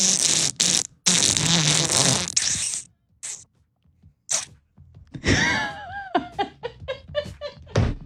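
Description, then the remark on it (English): A person voices a car making a bad mechanical noise: loud harsh hissing, grinding bursts, then a run of squealing, sputtering pops in an uneven rhythm. “If your car is making this crazy noise.”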